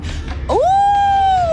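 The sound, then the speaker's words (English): A voice imitates a wolf howl, a single rising tone that swoops up and holds a long, steady, fairly loud note before tapering slightly at the end. “Oh, a wolf.”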